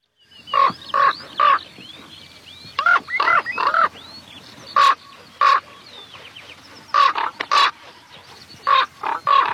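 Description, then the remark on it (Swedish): A common raven calls repeatedly in flight, giving a dozen or so harsh, hoarse croaks in loose clusters of two or three, loud against a quiet background. “Ja, här flyger korpen och låter höra sitt läte hes som en korp, säger man, och det tycker jag är lite orättvist, för det är ju ett ganska klangfullt läte egentligen.”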